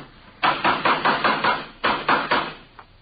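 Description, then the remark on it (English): Loud hammering on wood as someone builds a wooden coaster with a hammer: a quick run of about six blows, a short pause, then three or four more and a faint final tap. No one speaks. “Say, would you hand me that hammer there, officer?”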